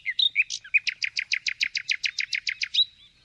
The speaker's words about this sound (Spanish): Y pasamos ahora al ruiseñor, el mejor cantante de las riberas. Su canto lo conocéis e identificáis a la perfección. Es esta preciosidad.